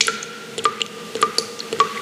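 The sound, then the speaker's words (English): A tap drips steadily, sharp bright plinks landing roughly every half second into water, clear over a faint background hum. “The tap's dripping and you're leaving it because you can't afford a plumber's crazy call out fee.”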